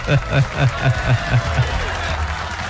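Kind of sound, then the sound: crowd, applause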